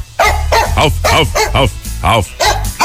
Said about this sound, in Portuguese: Meu cachorro só não fala pra não pagar boleto, presta atenção, ó.